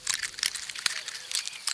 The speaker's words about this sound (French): L'écureuil mord dans une pomme de pin.